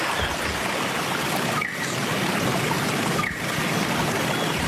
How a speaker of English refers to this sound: Hopefully the Wollombi Brook will be running like this, although I think we're poised for some dry weather, unfortunately.